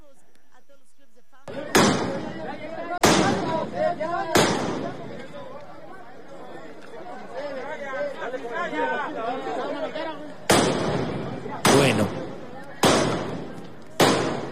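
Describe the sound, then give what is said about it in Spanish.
Loud, sharp metallic bangs of protesting teachers striking hammers against a painted, vandalized steel barrier wall in Mexico City at the World Cup opening, about seven blows in two irregular bursts, ringing out over the steady murmur and chatter of a crowd. “lo que se escucha son los golpes de los martillos fuerte contra el muro de acero que están teniéndose en estas vallas ya pintarrajeadas, ya vandalizadas, pero que son las vallas que están haciendo la contención para la coordinadora”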